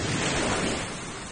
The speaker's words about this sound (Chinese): 黑夜当中的海岸线，万籁俱寂，只有海浪在不知疲倦地拍打着沙滩。